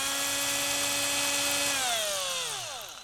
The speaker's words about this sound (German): Und wie schneiden wir das jetzt aus? Dazu bohren wir in der Mitte des Dreiecks ein Loch. Gleich so.